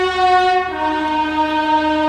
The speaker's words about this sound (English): Let's hear it for the train.